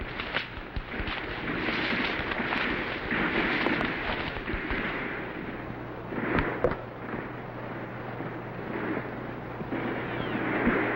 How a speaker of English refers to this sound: We've got to silence that cannon on the hill. Knock it out at all costs.